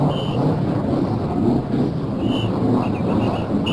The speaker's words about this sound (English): Starting up. Now we're going to listen to the cars start up. Here they are.